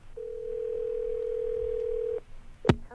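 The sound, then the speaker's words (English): A single steady telephone ringback tone of an outgoing radio call to Pensacola for the weekly Top 40 Challenge hums for about two seconds over a quiet line, then stops, followed by a sharp click and clatter as the call is answered. “It's ringing right now in Pensacola.”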